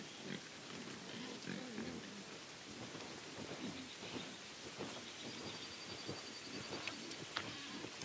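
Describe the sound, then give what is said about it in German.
Semi-wild Iberian black-footed pigs roaming freely in a Spanish cork oak forest grunt in short, low, irregular bursts over a steady rushing hiss, with occasional sharper snuffles standing out near the end. No one speaks. “Iberische Schwarzfußschweine können sich hier genauso frei bewegen wie Schafe.”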